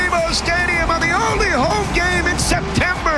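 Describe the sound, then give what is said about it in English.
A stadium crowd roars and cheers after LAFC's Jude Terry buries a rebound to give LAFC a 1-0 lead against the New York Red Bulls. It is a dense, steady wall of many overlapping voices with rising shouts and whoops, loud throughout the whole moment. “Oh, listen to the crowd.”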